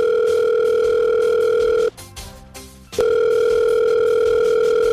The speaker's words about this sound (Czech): No tak vytočte pana hejtmana, ten bude vědět.